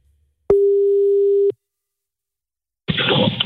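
A single steady one-second beep of a phone ringback tone sounds clearly, followed by silence and then a burst of rustling noise as the line seems to connect.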